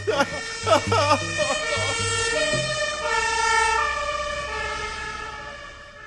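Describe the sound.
A loud electronic alarm siren, set off by pressing an alarm button, blares in a steady, sustained tone with a rich buzzing edge, while voices speak briefly over its opening seconds.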